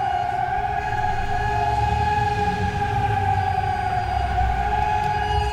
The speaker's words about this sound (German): Und wenn man jetzt hier mal aus dem Fenster, ich versuche jetzt mal das Mikro einfach aus dem Fenster zu halten, dann hört man ja auch sehr schön die Sirenen im Hintergrund. Also hier im Stadtgebiet, ordentlich laut.